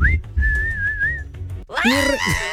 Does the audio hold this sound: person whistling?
yes